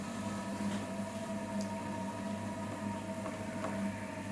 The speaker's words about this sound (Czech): Nejste si jistí, jaký zvuk jste právě slyšeli? Je to zvuk vytrvalosti a nezměrné trpělivosti. Zvuk hrnčířského kruhu.